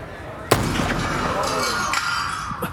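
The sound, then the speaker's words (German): A single sharp gunshot cracks out and hits a glass display case, which shatters, with shards tinkling and scattering for a couple of seconds over steady background noise. “Der erste Schuss hat nur das Glas der Vitrine dort getroffen.”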